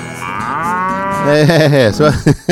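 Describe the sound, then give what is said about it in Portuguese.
An ox lets out one long, loud, drawn-out moo that swells and wavers in pitch, ending in a couple of short, abrupt bellows, with no talking. “vou precisar de uns 3 bois também, né? Pra poder puxar um carro de boi, 3 ou 4”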